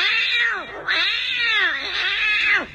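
A cat yowls loudly and insistently, a drawn-out wailing cry followed by a second long, rising and falling meow, with no other voices.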